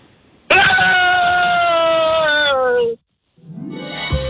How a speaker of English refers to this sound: Are you going to hit us with the biggest scream of your life? I'm going to give it a try. It's going to be hard to top it after that one.